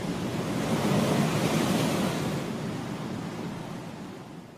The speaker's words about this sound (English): The Atlantic Ocean shows its might, casting its spray and froth against the shore, as though trying to reclaim this spit of land that juts into the water.